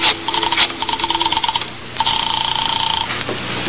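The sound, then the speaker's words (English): A telephone rings in two rapid, trilling bursts separated by a short pause, clear with no one speaking, as a call is placed to police headquarters. “Just a little phone call.”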